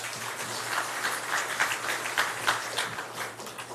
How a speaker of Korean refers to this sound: 우리 박수로 환영하시겠습니다.